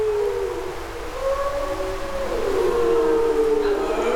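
Several long, wavering howls overlap in a steady chorus, rising and falling in pitch for the whole stretch, fairly loud and continuous, like a pack of wolves calling together.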